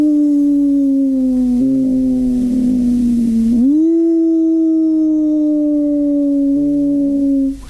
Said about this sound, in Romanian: Auzi? Să buciume tulnicele.